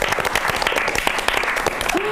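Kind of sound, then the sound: crowd, audience applause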